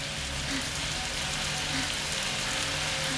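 Shower water runs in a steady, continuous hiss, spraying and pattering at an even level for the whole stretch, with no voices.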